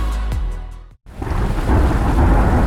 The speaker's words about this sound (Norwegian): Ja, der kom regn igjen.